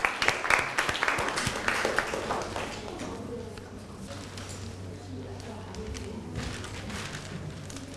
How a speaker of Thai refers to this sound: ต่อมาค่ะนักเรียนตัวแทนกลุ่มที่2นะคะที่จะมานำเสนอในวันนี้พร้อมไหมคะกับหัวข้อระบบประสาทที่มีผลต่อพัฒนาการค่ะขอเสียงปรบมือให้ตัวแทนกลุ่มที่2หน่อยค่ะ